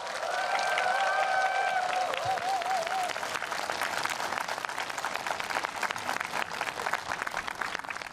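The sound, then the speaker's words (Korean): Sustained applause from a sizable audience for the teams who performed on stage, including children, students, youth and a choir, at a Buddhist event; dense and steady, with a few brief cheers or whistles rising over the clapping early on. “정성을 담은 공연으로 따뜻한 감동을 전해준 모든 팀에 아낌없는 박수 부탁드립니다.”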